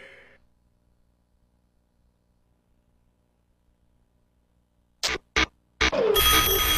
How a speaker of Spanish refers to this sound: Son las 7 de la mañana. Suena el despertador de turno mañana. Turno mañana.